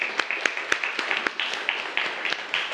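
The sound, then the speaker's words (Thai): A class of students gives brief applause for a classmate who correctly answered that the picture is the Mona Lisa: scattered, uneven handclaps with sharp individual snaps over a steady background hiss, moderately loud and lasting a few seconds without voices. “โมนาลิซาครับ ภาพโมนาลิซาปรบมือให้เพื่อนหน่อยครับ”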